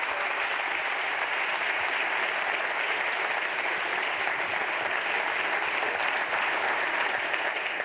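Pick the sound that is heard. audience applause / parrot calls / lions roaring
audience applause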